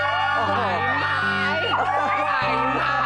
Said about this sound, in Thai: เสียงกรี๊ดแบบนี้ไม่ใช่เป็นเพียงแค่ครั้งนี้ นะ ที่ผมได้ยินทุกครั้งที่ผมเจอพี่ปันปันเน ี ่ยไม่ว่าจะไปโชว์ตัวที่ไหนจะได้ยินเสียงกรี๊ดแบบนี้ตลอดเลย